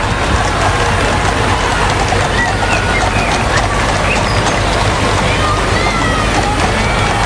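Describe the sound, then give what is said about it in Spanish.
A large crowd cheers and applauds King Felipe VI and the royal family in a dense, unbroken roar, with many voices shouting vivas to the king over continuous clapping for the whole stretch, staying loud and steady throughout. “Son los vivas al rey, los vítores, aplausos para la familia real.”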